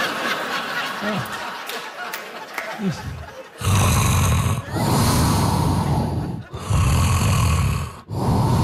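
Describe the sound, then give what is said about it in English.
Loud, harsh snoring of a person who recorded themself sleeping at night, in long rasping bursts separated by short silent breaks, after a few seconds of quieter breathing and faint throat noises. “It's rhythmic. It's soothing. Also, suspenseful, right? Because about every 90 minutes or so, I'm just going to stop breathing for a couple of minutes.”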